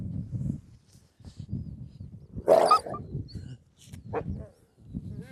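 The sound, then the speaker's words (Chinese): The wolf king, named Dihuo (地火), lets out a single sharp, loud bark near the middle, followed by a brief yelping vocalization, with low rumbling noise and a few softer grunts around it. “哦呦，乖乖，狼王来了。”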